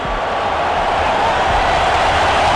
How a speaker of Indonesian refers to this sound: Wow, penonton langsung bersorak ya.